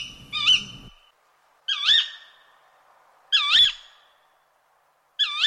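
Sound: owl hooting call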